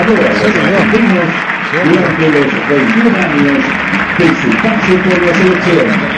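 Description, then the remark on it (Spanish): A stadium crowd at a football match involving Unión applauds steadily for several seconds during a minute of applause, a dense, even wash of clapping mixed with shouting and cheering voices, holding loud throughout without a break. “El aplauso.”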